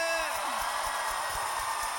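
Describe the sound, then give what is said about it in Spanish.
A large gathering of people at a religious worship service erupts in a sustained, loud roar of shouting and cheering for joy to God's name, many voices blending into one continuous wall of jubilant noise. “¿Alguien puede dar un fuerte grito de júbilo a su nombre?”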